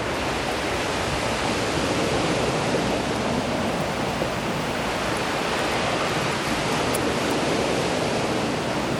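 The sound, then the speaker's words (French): A steady, dense roar of wind blended with crashing ocean surf, loud and continuous with no clear breaks, the two sounds merging into one wash of noise. No voices. “Le vent et les vagues se mélangent. Se mélangent si bien.”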